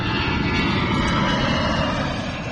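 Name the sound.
aircraft flying overhead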